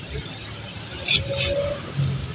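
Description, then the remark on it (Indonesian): Steady roadside traffic rumble, including a container truck, recorded while passing in front of Dusem, with a low engine drone and passing-vehicle noise, a brief louder swell partway through, and faint indistinct voices mixed into the background. “Ada videonya yang direkam Pak Juan ketika melintas di depan Dusem. Oke, ini truk kontainer.”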